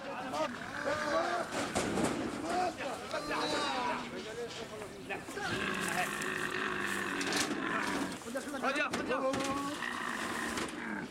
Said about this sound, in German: Einzelne Kamele setzen dagegen zu einem verzweifelten Geschrei an, sobald sie von der Herde weggeführt werden.